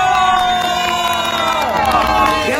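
A loud, steady burst of crowd cheering and applause in San Pedrito, Guadalajara, welcoming a guest to a street show, with many voices shouting and whooping together over sustained clapping for the whole stretch.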